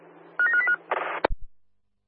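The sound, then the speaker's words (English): A quick run of telephone keypad beeps, then a brief buzzing ring tone that cuts off with a sharp click and thump. Clear, with no one speaking. “Yeah, my partner's on the phone now.”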